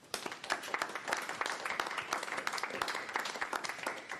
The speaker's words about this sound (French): Bah, merci. On peut applaudir.